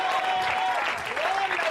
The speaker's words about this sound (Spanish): Dele fuerte ese aplauso, iglesia, así es para él.